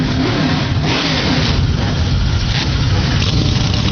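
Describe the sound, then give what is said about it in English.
A loud, dense roar of 35 NASCAR race car engines starting up and revving together, a continuous rumbling wall of sound with no voices. “Engines come to life, 35 strong.”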